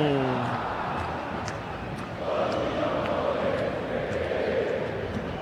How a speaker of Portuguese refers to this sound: E o Santos atacando, mas quem canta é a torcida que canta e vibra. Ouça a torcida do Verdão.